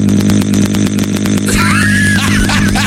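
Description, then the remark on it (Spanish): A voice imitates a chainsaw running, a loud, continuous buzzing drone with a rapid pulsing rhythm that shifts midway into a rising, snarling rev, steady throughout. “Oye, güey, si le hace igualito que motosierra.”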